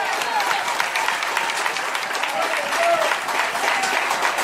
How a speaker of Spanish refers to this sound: Alabe a Dios que puede. Dele fuerte aplauso al Señor en esta hora.